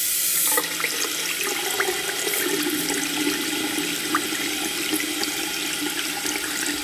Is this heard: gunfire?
no